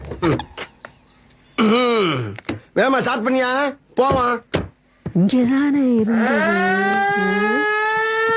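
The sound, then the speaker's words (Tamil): Conch shell blown on setting off, in a few short, wavering blasts, then one long sustained blast whose pitch swells and rises slightly, loud and rich in overtones, with no talking over it. “கிளம்பும்போது சங்க சத்தம்.”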